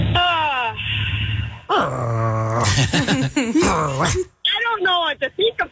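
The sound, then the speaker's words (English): Candy's dog growls and whimpers, a run of whiny, strained vocal bursts rising and falling over several seconds, with brief pauses and no clear talking. “I think Candy's dog just changed the channel.”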